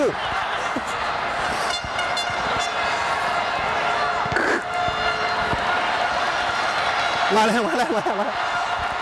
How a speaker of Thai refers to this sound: มาแล้วคือตอนนี้นะได้เสียงดังมากเลยครับคือเสียงเชียร์จากข้างนอกนะฮะ